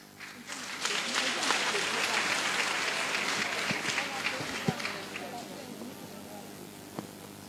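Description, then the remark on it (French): A church audience breaks into dense, steady applause during a religious celebration, swelling quickly, holding for several seconds, then thinning and fading out, with a few voices murmuring underneath. “Si vous applaudissez encore, on va arrêter la célébration.”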